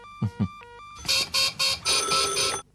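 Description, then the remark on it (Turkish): A few soft electronic tones and thumps, then a red telephone bursts into loud, bright, rattling rings in four quick pulses before cutting off. No one speaks. “Kırmızı telefon Edmond.”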